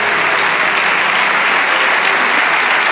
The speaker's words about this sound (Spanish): Dale ese aplauso al Rey de Reyes. ¡Aleluya!